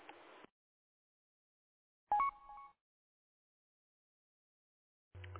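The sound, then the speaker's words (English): A short, loud electronic roger beep with a stepped pitch, from an AllStar radio link, marking the end of a transmission, set between brief hissy bursts of radio static and long stretches of silence. No one speaks. “Well, there should be one tone at the end of each transmission.”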